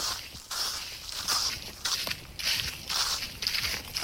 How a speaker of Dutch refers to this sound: loopt door een dik pakket droge bladeren in een verder doodstil bos in Garderen.